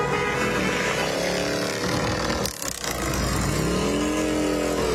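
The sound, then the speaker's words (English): A group of about a dozen Legion Riders motorcycles rumbles past in good riding weather, engines droning loudly and steadily, their pitch dipping and rising as bikes pass one after another, with a brief lull midway. “Yeah, this is good motorcycle riding weather, too.”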